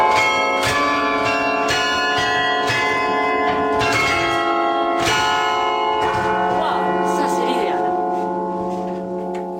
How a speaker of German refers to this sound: Die Glocken von Halle beenden die Regionalnachrichten